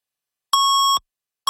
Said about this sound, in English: 680 News time at the double beep.